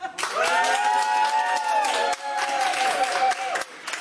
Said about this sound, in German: Schlussapplaus, wie viele sind noch da?